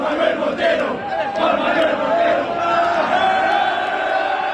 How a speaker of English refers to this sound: An Argentinian fan lost his wallet at Saturday night's game in Arlington, Texas. But fellow fans helped him get it back, chanting his name in the crowd at the end of the game.